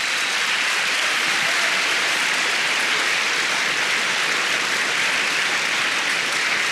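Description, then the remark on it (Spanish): A crowd claps for the Lord steadily and continuously, a dense wash of many hands applauding at full volume with no pauses and no voices audible over it. “Dele palmas al Señor.”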